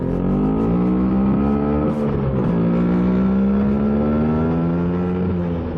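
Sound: vespa scooter engine revving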